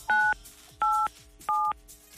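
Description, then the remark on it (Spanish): Three crisp telephone keypad tones dialing 987 on a phone, each a short dual-pitched beep, dialed in an even rhythm with brief pauses between, clear with no one talking. “Apriétale a tu teléfono 987 y veremos qué artista te toca, ¿ok?”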